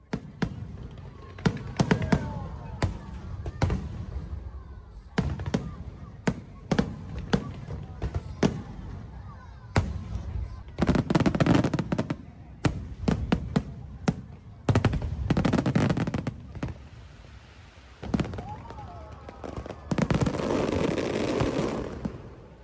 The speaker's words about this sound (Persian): و در پایان هم تصاویری می‌بینیم از جشنواره سالانه آتش بازی در منطقه تایوان چین، رویدادی که هزاران نفر از ساکنان و گردشگران را به تماشای خود جذب کرد.